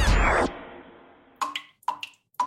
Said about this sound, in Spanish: ¿Oyes eso? Es una gotera. Cada gota que se va es agua que tú podrías usar.